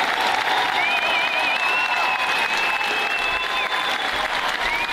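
A large crowd applauds loudly and steadily, a dense wash of clapping filling the whole stretch, with a faint whistle gliding above it.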